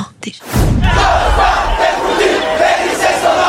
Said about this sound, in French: Plusieurs milliers de lycéens ont arpenté le pavé de Paris au pas de charge. Cris, sifflets, slogans, l'ambiance était chaude et les banderoles nombreuses.